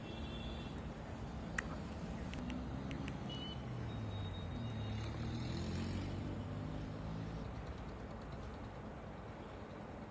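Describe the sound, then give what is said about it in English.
Steady engine rumble of vehicles moving through deep water on the waterlogged Delhi-Lucknow road in Hapur, Uttar Pradesh, India, amid incessant rainfall, with a continuous wash of splashing and churning, a few sharp clicks, and no voices. “Amid incessant rainfall across Delhi and the National Capital Region, the Delhi-Lucknow road in Hapur witnessed severe waterlogging that also led to traffic disruptions.”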